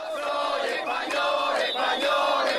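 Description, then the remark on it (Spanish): A large crowd at a demonstration in Granada in support of Ceuta chants unity chants in loud, rhythmic unison, many voices rising and falling in repeated shouted phrases with steady energy and no single speaker standing out. “Las banderas y los cánticos de unidad han sido los protagonistas de la manifestación en apoyo a Ceuta que se ha celebrado en Granada.”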